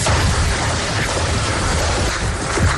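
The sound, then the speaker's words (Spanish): Distant gunfire rattles almost without pause as US special forces approach the battle point in Nijab, Kapisa province, eastern Afghanistan; a dense wash of rapid shots and low booms blending into one continuous roar of battle noise, with no voices. “Mientras rondas de disparos se escuchan en la distancia, las fuerzas especiales de Estados Unidos se acercan directamente al punto de batalla.”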